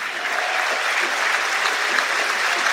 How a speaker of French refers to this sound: Très applaudi le buteur, l'auteur du pénalty de l'égalisation.